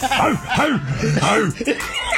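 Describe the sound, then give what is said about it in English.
Several men bark like dogs in a quick, overlapping burst, a run of about five or six loud woofing imitations mixed with chuckling laughter. “Yeah, I don't know why we bark when we do”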